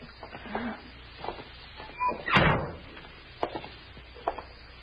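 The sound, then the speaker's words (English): A side door being worked open: faint rattles and creaks, then one loud scraping clunk midway, followed by two sharp clicks. No one speaks. “Let's try that side door.”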